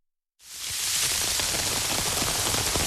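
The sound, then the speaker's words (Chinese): Heavy rain patters on banana leaves, starting suddenly after a brief silence and holding as a dense, steady hiss with scattered heavier drop hits, fairly loud. “雨大了起来，从雨滴变成了雨点，拍下来啪啪啪的作响，有几颗芭蕉的大叶片被打得分外响。”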